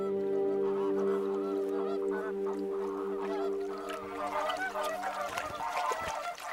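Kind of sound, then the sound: bird, flamingos calling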